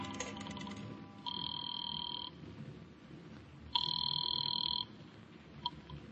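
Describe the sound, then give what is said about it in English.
A telephone rings twice down the line after a number is dialed from a phone booth, each ring a steady, bright electronic burst about a second long separated by a pause, over a low background murmur with no talking. “I took a chance that the old dame on the phone might have been brushing me off the other night, and I went into a booth and dialed a number.”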